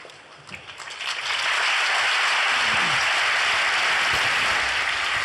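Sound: crowd applauding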